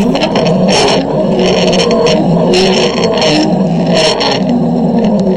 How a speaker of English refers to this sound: It's a zip line, somebody going down a zip line.